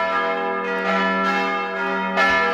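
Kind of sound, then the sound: signal or alarm, church bells ringing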